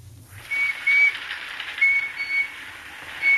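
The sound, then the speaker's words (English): A small toy electric train's whistle toots in a toy department in short, thin, high-pitched bursts several times over a soft hissing, rumbling background, with no talking. “Just look at this cute little electric train.”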